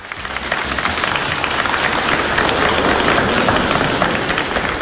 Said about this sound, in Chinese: 感谢您各位的掌声， 谢谢大家。